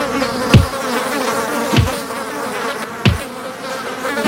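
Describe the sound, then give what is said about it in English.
A dead horse sound effect: a dense, continuous drone of buzzing flies with no voices, broken by a low swooping thump that recurs about every second and a quarter. “What happened to my dead horse sound effect? Here it is.”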